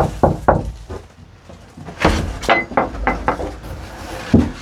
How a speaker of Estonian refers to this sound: See suur pada oli kõige esimene asi, mis ma tallu ostsin. See oli puudu. Miks sa koputasid siin?